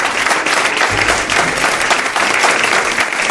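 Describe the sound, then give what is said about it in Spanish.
Sustained audience applause for a newly introduced guest on an evening show, a dense, steady crackle of many hands clapping at once, fairly loud and even throughout with no voices standing out. “No os he pedido un aplauso para ella,”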